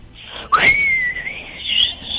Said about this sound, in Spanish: De pronto aparece mucho viento.